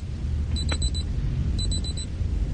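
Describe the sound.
A voice imitates an alarm clock with the mouth, performed live: two quick bursts of four high, sharp beeps each, separated by a short pause, over a steady low rumble of background noise.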